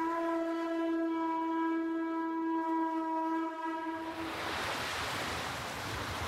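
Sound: ocean waves washing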